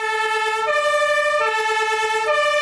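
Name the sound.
fire engine siren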